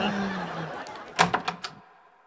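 A door is opened for a visitor: a quick series of four or five sharp latch and handle clicks, rising out of a low murmur that then settles into near quiet.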